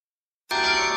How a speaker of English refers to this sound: This summer, experience the sound of bells across the city. Yorkminster Park Baptist Church presents its free Summer Carillon Recital Series.